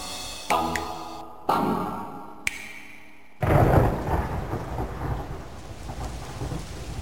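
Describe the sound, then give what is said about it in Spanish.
Steady rain hisses throughout while a few sharp cracks ring out in the first seconds, then a loud peal of thunder rolls in and rumbles on over the downpour. “La lluvia inició un día cualquiera de verano.”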